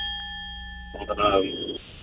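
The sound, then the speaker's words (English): A single bell strikes and its bright, steady ring sustains for nearly two seconds, fairly loud, while a voice starts talking over it about halfway through. “Like to hear the bell.”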